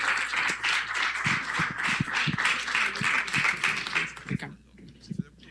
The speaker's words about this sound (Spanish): Entonces, le damos, por favor, un fuerte aplauso, y yo le agradezco, y esperemos que lo tengamos más seguido por acá con estos proyectos.